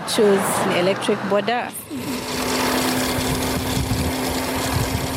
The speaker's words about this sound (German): Wenige Minuten später surrt ein elektrisch betriebenes Motorrad die Straße hinunter. Man hört es kaum.